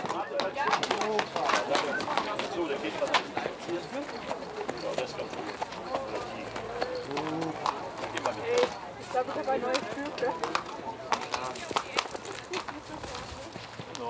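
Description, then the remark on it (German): Racehorses' hooves clip-clop in a steady walking rhythm amid a busy, noisy background, with voices murmuring and occasional birds calling. The horses are stretching their legs after a long trip, hours before a race in Harzburg, Germany. “… sind extra aus Hannover angereist, um sich heute um die Schleusner Pferde zu kümmern.”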